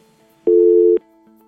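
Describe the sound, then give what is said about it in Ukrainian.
A single loud half-second beep of a telephone busy signal as a caller fails to get through on a phone-in line, a steady tone with sharp start and stop, set against a faint background hum. “Давайте спробуємо вкотре прийняти телефонний дзвінок, який у нас є на номер 050.”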